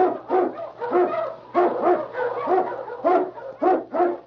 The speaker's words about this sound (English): Husky! Husky! the swiftest, strongest of Eskimo lead dogs, blazes the trail through storm and snow for Sergeant Preston as he meets the challenge of the Yukon.